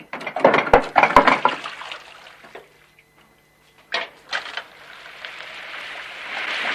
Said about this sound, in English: rushes over to a hand-action water pump and fills a metal bowl with cold water.